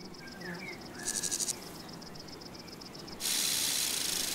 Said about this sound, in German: Dieses Nähmaschinengeräusch stammt von einer Schwertschrecke, während der Warzenbeißer eher Pianissimo spielt.